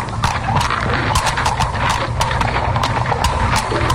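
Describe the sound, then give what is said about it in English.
Horses' hooves clip-clop in a steady, slightly uneven rhythm as the horses are led into an old mine entrance, sharp hollow knocks overlapping from several animals over a low rumbling background, with no one speaking. “And this is an old mine entrance, high enough to lead our horses in.”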